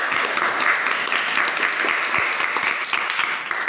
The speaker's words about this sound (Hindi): फिर गांव वाले तालियां बजाने लगे और गांव वाले उन दोनों के लिए बहुत अच्छी अच्छी चीज़ें लाने लगे।